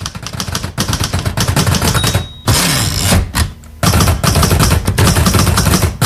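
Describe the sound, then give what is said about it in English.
Rapid, loud clacking of typewriter keys in dense bursts, broken by a short high bell ding and the ratcheting slide of the carriage return before the typing resumes. No voices. “You probably recognise that it's typing, but do you know what it's typing on?”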